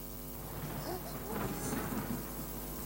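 Steady rain pours down with wind, a low, rumbling roll of thunder swelling in the middle, the downpour dense throughout while the storm grumbles.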